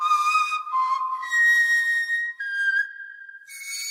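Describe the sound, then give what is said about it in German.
A replica of the 40,000-year-old Stone Age griffon vulture bone flute found in the Vogelherd Cave in the Lone valley, Swabian Jura, plays a slow line of breathy, high sustained notes, stepping between a handful of pitches with short gaps, loud and alone with no voices. “Die Flötistin Anna Friederike Potengowski hat sich von diesem Steinzeitinstrument inspirieren lassen und spielt auf einem Nachbau der Gänsegeierknochenflöte.”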